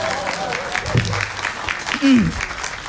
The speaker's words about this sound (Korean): 이럴 때 박수 쳐도 됩니다.